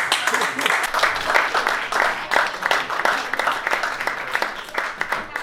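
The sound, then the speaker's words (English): An audience breaks into steady applause in answer to a question asking who has never been with an Indian guy, dense overlapping claps crackling at an even loudness for several seconds, with a faint murmur of crowd voices mixed underneath. “Anyone here, by round of applause, never been with an Indian guy before?”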